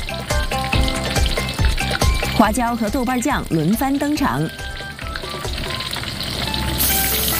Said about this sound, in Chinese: 猪油和鸡肉的用量几乎是1:1。重油是小煎鸡的标志之一。当鸡肉被热油煎炸到外表微黄、水分微干时，就要进入调味阶段。